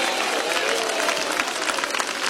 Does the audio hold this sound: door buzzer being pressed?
no